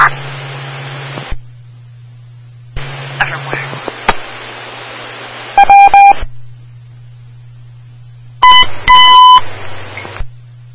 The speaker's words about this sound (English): Squad 5, you can disregard tones.